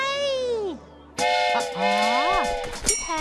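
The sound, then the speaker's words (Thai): A cartoonish train whistle effect: a falling whistle tone, then a loud, bright multi-tone whistle blast over a busy rumbling chug, prominent. “นี่ครับรถไฟรถ”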